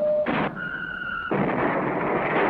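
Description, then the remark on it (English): A Lion-L electric train set's toy IRBM missile launcher fired by pressing a button. Its electronic firing effect gives a short beep, a burst of noise, a high whistling tone, then a longer rushing, crackly blast. It is fairly loud, with no talking. “And fire this IRBM launcher by pressing a button.”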